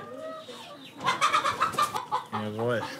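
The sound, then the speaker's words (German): Several egg-laying hens on a farm cluck and squawk in a busy, overlapping chorus, with sharp bursts of noisy cackling between steadier harmonic clucks. “Also viele Kinder kommen dann auf den Hof und wissen gar nicht, dass ein Ei zum Beispiel von einem Huhn gelegt wird.”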